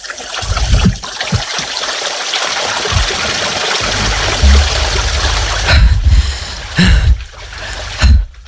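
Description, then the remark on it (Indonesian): A steady, full rush of flowing river water runs throughout, with occasional low splashes and thumps breaking through near the end. “sungai memang bukan orang, tapi mari jadikan dia sahabat untuk kita lindungi dan tidak menjadikannya tempat sampah.”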